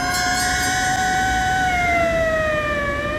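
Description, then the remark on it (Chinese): Loud, wailing sirens of a convoy of police cars sweep past along a street, their pitch sliding steadily downward as the vehicles go by, with a low rumble of traffic underneath and no voices. “忽然，一队警车由远而近，呼啸着驶过街头。”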